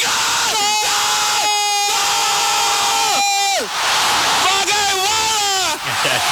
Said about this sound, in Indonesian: Gol di ujung pertandingan membuat sorak-sorai pendukung Brazil.